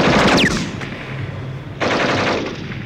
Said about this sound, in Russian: Мой пулемет работал точно. Первая же очередь пуль ушла в щель головного танка, машину занесло в сторону, и она встала со всего хода в руках своего мертвого водителя.